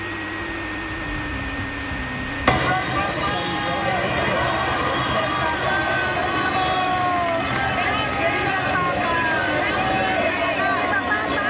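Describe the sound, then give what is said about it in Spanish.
A large crowd at Cibeles in Madrid erupts into loud, sustained cheering and shouting after a quieter opening couple of seconds as Pope Leo XIV arrives in the Popemobile for Mass, many voices overlapping in a dense, continuous roar with rhythmic chanting running through it. “León XIV ha llegado el Papa móvil y así lo han recibido aquí.”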